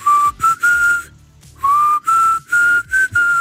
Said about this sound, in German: Ihr pfeift diese paar Tönchen hier. Ich hoffe, ich krieg's jetzt halbwegs hin.